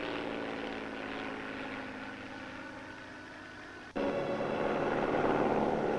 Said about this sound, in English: Here comes the plane. Probably Professor Morassi.